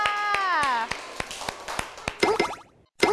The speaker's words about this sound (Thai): เอาละค่ะเหลือกลุ่มสุดท้ายแล้วค่ะนั่นก็คือกลุ่มที่5ขอเสียงปรบมือให้กับกลุ่มที่5ค่ะ